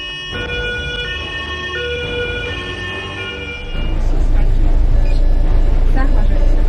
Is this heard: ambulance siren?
yes